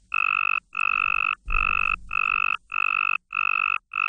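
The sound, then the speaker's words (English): Frog mating calls: a rapid series of buzzy, pulsed calls repeats in quick succession, about seven close together with brief gaps, one call sounding lower and rougher than the rest; one attractive target call among seven less attractive distractor calls; no talking. “This is what it sounds like when there's one attractive target call and seven less attractive distractor calls.”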